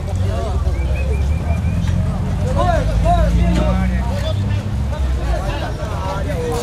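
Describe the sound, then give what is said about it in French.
A dense crowd murmurs and calls out at the crowded Ver-o-Peso riverside fish market, over a steady low rumble of fishing boat engines as boats try to push through the vessels already docked, with overlapping voices filling the busy waterfront scene throughout. “Vers au peso grouille de monde. Les bateaux de pêche tentent de se frayer un passage à travers l'entassement de vaisseaux déjà à quai.”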